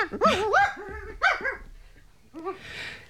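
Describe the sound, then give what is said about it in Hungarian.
A dog barks several times in quick, yappy bursts, some rising into whiny, whimpering tones, with a brief pause and then a final shorter bark and a soft breathy rustle. “Jól, kutya. Szófogadó. Futkározz még egyet.”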